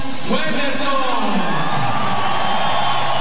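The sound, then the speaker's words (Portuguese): A large stadium crowd of Tricolor fans roars and cheers as the team lineup is shown on the big screen, starting with goalkeeper number 1, Weberton, in a sustained, loud wash of voices, with whoops and shouts rising over a dense, continuous bed of noise. “E vamos ouvir também a reação do torcedor, número 1, Weberton.”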